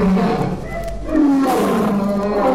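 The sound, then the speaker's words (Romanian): A lion roars loudly, a deep, rumbling growl that swells and sustains for a couple of seconds with a harsh, throaty texture. “Leu, să ne puștește asupra noastră.”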